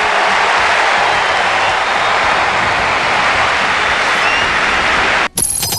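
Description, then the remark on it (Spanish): A big crowd roars in a loud, sustained ovation for Messi, steady cheering and clapping blending into a dense wall of noise, cut by a brief dropout near the end. “La ovación y la emoción para Messi.”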